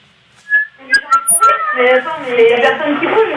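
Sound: seagull calling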